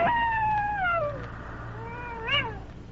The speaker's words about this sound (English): Nothing broke the deep silence except his heavy breathing, and in the distance, the mournful cry of a wolf.